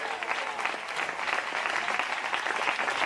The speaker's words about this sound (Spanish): Alabe a Dios y denle un aplauso fuerte al Señor.